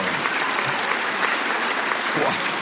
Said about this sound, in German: Applaus